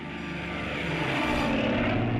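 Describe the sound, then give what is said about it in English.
Loud, steady drone of a North American B-25 Mitchell bomber's two big 2600 radial piston engines, 1700 horsepower, with throbbing propeller noise, a dense rumbling roar that swells slightly louder toward the end. No voices. “It's got those two big 2600 radials, 1700 horsepower.”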